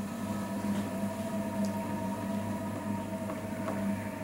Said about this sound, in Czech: Nejste si jistí, jaký zvuk jste právě slyšeli? Je to zvuk vytrvalosti a nezměrné trpělivosti. Zvuk hrnčířského kruhu.